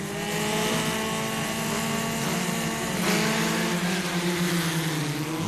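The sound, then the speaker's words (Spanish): Racing cars roar around the Madring circuit in a continuous, high buzzing engine drone, its stacked tones sliding down and then climbing as the cars pass. Loud and steady throughout, with no voices. “Ya sé que son coches, pero suena raro, ¿no?”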